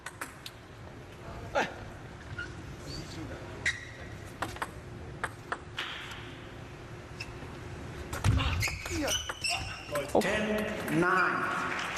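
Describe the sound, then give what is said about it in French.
A table tennis ball clicks sharply off the table and paddles after a long serve in a match, a handful of crisp, irregularly spaced taps over a quiet background hum, with busier noise and voices toward the end. “Le rebond qui a surpris un petit peu Félix après son service long.”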